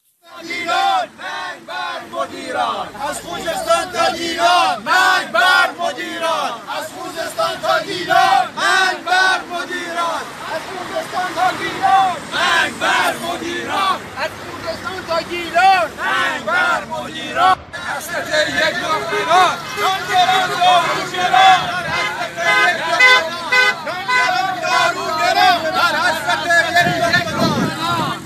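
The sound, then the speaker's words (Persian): A large crowd of protesting retirees chants slogans together in loud, rhythmic unison, many raised voices shouting repeated phrases against being paid in rials while paying costs in dollars and the sharp fall in their purchasing power, carrying on steadily with brief swells and dips. “معترضان در شعارهای خود به دریافت حقوق به ریال و پرداخت هزینه ها به دلار و همچنین کاهش شدید قدرت خرید خود اعتراض کردند.”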